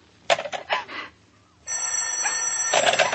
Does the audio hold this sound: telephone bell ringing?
yes